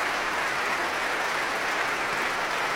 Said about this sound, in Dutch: We konden hem horen meedoen. Hij klapt voor zijn orkest.